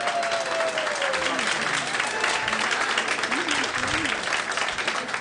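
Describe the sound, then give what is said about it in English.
An audience claps steadily for several seconds, a dense, loud wash of applause with no pauses, while faint voices and a few rising whoops poke through the noise, applauding to show how many watched a band on the Ed Sullivan Show on February 9th, 1964. “I want to see, by your applause, how many of you were watching the Ed Sullivan Show February 9th, 1964?”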